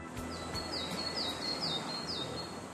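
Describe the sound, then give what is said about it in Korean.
Several short, high bird chirps repeat in a loose rhythm over a steady outdoor hiss among pine trees, with no one speaking. “소나무 향도 맡고 새소리도 들리고 그러니까 너무 좋네요.”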